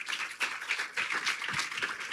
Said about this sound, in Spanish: Fuerte el aplauso al Señor y gracias.